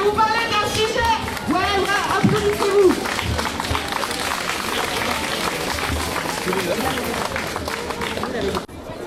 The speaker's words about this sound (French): Puis il y a des acclamations de partout. Il y a plein de drapeaux. Il y a plein de panneaux. Il y en a plein partout. Bah, y a des acclamations comme ça.